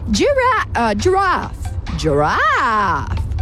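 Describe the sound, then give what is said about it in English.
A child's voice imitates a giraffe with a series of wavering, moaning hums: three short rising-and-falling calls, then a longer swooping one. Fairly loud, with no spoken words. “Do the giraffe. Giraffe, really?”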